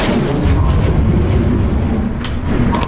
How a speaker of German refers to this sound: Was war das eben? Ich hab Donner gehört.